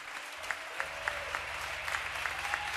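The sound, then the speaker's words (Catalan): An audience applauds the performers on stage steadily, a dense wash of clapping with regular sharper claps standing out in a rhythmic beat, while a low hum sits underneath. “Un aplaudiment per als que estem aquí dalt.”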